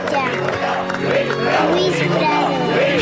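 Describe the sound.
A crowd chants and shouts together in a steady, loud wash of voices, with rising and falling vocal contours repeating over a dense babble throughout, chanting for a singer to release a new album.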